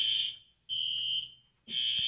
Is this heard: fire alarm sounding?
yes